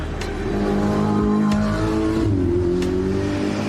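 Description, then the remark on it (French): A supercar roars as it races up the track at full speed, its engine note rising steadily in pitch with strong harmonics, loud and sustained, with brief gear-change dips and no voices. “Voitures modernes ou anciennes que l'on voit monter la piste à toute allure sont aussi exposées dans les paddocks.”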